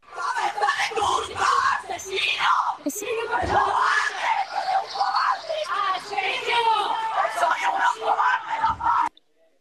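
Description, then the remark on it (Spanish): A dense crowd of local residents shouts and yells angrily, crying 'murderers' and banging on the van bringing prisoners from the prison at Morón de la Frontera, Seville. Many voices overlap in a loud, continuous roar, with a few sharper cries breaking through before it cuts off abruptly. “A su llegada, numerosos vecinos concentrados en la zona les han recibido entre gritos de asesinos y golpes al furgón en el que lo trasladaban.”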